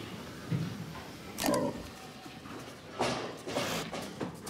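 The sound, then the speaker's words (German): Pigs grunting in a separate waiting pen before slaughter, with a low grunt early on followed by louder scuffling, clattering bursts of movement, without any voices. “Wir wollen wissen, wie der emotionale Zustand der Schweine vor der Schlachtung ist.”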